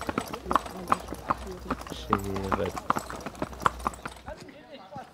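animal, horse-drawn carriage hooves clip-clopping

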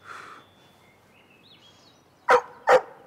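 animal, dog barking

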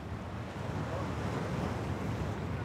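nature, wind and sea waves

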